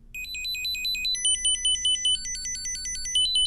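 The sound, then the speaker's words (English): An iPhone Find My locating alert tone from an item inside a backpack: quick, high-pitched electronic chirps hopping up and down in a repeating melodic pattern, steady and fairly loud, with only a faint low hum beneath and no talking. “Well, that high-pitched sound also helps.”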